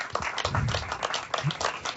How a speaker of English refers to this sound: Clap for Jesus right now. Give him some praise today.